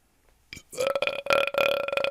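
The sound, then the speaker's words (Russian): A loud, drawn-out croaking burp lasting over a second, a rough, tonal belch that stutters with a few brief breaks. No one speaks over it. “У меня пидорас на лагере, когда я его жопу ебал, он так же квакал.”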